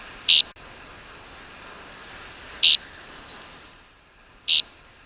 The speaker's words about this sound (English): We birders mostly find dickcissels by their distinctive flight call, which is invariably described as flatulent. You be the judge.